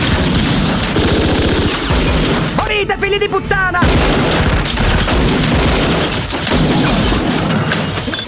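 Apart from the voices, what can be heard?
gunfire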